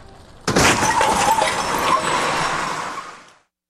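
A loud, sudden car crash erupts, glass shattering and debris clattering for a few seconds before the noise trails off into silence.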